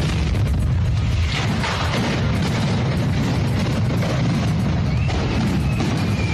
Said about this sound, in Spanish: Lo que era una celebración de risas, baile y música se interrumpió por un petardo que cayó en un puesto de comida callejero.